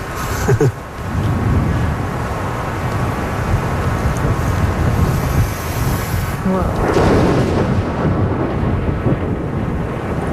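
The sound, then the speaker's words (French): A loud, sustained rumble of thunder from a lightning strike about 1.5 km away, arriving about 4 seconds after the flash. It rolls through the whole recording, heavy low booming with crackling texture, swelling again in a second surge near the end, powerful. “en fait, le sifflement, c'est l'arrivée de la foudre. Et après, on a la décharge.”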